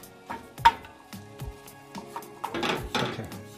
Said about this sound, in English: And you want to just continue stirring it. It's going to create this thick paste, which is what we want. And with the paste, you want to cook it and continue stirring it for 7 to 9 minutes to really cook it.